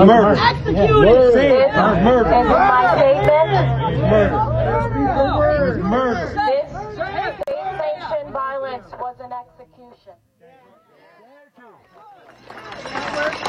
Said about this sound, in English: Said it was an execution, and then the crowd chants and cheers.